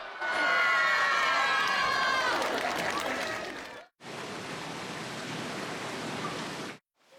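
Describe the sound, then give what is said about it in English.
A loud crowd of Vietnamese technical trainees cheers and shouts with many overlapping voices at a women-only amateur sumo tournament on Mother's Day in the town of Fukushima, Hokkaido, cuts off briefly, then resumes as a steady, noisy roar of cheering and clapping that ends abruptly. “The people cheering are Vietnamese technical trainees.”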